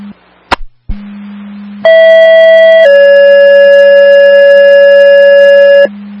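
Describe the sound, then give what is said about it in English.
Over a low steady hum, a click is followed by a loud two-tone fire dispatch alert for Frankfurt Hell, second tones, for a vehicle fire: a garbage truck on fire at 118 Ripley Road. A one-second higher tone drops into a long, lower sustained tone lasting about three seconds. “Frankfurt Hell, second Tones, vehicle fire, 118 Ripley Road.”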